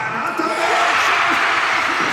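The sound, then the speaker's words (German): A large crowd in the Walserfeldhalle cheers in a loud, sustained roar, a dense wash of voices with scattered shouts and whoops rising out of it for a couple of seconds, as Marko Arnautović scores a penalty for 3:1 to Austria in stoppage time. “Ja, wir hören es in der Walserfeldhalle. Der große Jubel, Marko Arnautović mit dem 3:1 für Österreich in der, ich glaube, es war jetzt mittlerweile schon die 12.”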